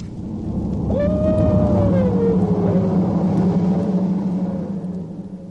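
A hound's long, drawn-out howl, holding a mid-pitched tone that slowly sinks, trailed by a fainter wavering wail, all over a steady low rumbling background.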